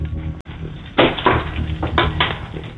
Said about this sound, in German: Okay, ich gehe jetzt vom Wohnzimmer in den Eingangsbereich. Ich mache jetzt die Schublade auf, wo die Schlüssel drin sind und